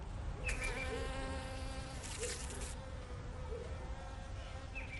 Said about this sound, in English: And then in my backyard, I have another hive as well. This is really where I sit and watch my bees, because a big part of it is also watching the bees, seeing what they do.